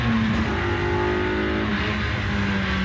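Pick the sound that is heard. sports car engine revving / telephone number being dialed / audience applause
sports car engine revving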